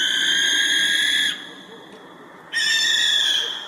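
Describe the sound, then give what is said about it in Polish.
A barn owl gives two long, harsh rasping screeches, each about a second or more, separated by a short pause. The calls are loud and hissy, with no voices. “Sowa płomykówka to jest takie chrapanie.”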